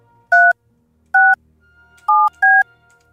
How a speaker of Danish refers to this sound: Vi ringer til en person, som har sendt os en sms.